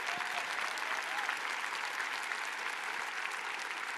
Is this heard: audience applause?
yes